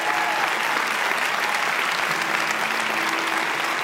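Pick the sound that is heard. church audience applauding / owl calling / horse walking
church audience applauding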